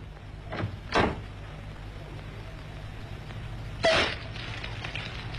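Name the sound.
door being opened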